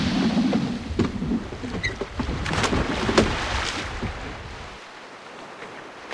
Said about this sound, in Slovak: Prečo si odtisol svoj čln späť na more?